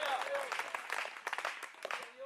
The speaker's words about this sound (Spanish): Dele fuerte ese aplauso al Señor y póngase de pie.